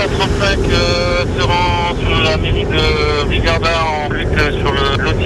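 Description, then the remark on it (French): Strong wind of about 70 km/h roars and buffets the microphone in a steady, loud rush throughout, in 41-degree heat, with a voice talking over the noise. “Il y a un vent fort élevé et une chaleur très élevée, 70 km/h le vent et 41 degrés.”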